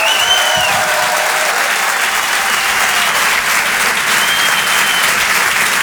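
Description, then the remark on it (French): A large audience at the Rire et Chanson Comedy Club claps loudly and steadily for Alex Ramirez, a dense wash of applause that fills the whole stretch without letting up, with a few faint cheers or whistles mixed in. “Je demande un tonnerre d'applaudissements, s'il vous plaît, pour Alex Ramirez.”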